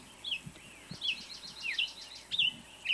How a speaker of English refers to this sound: And we're listening to... What kind of bird is this? I wish I knew.